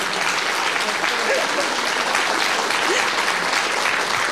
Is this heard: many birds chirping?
no